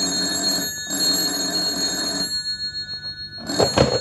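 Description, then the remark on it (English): An old-fashioned telephone bell rings at Marsh Estate in two long bursts with a short pause between, loud, followed by a brief clatter as the receiver seems to be picked up. “At Marsh Estate a few days later, the phone rang.”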